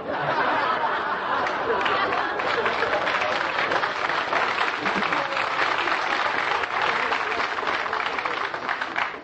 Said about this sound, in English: Did you plant those Marines out front to applaud for you tonight there in the third row?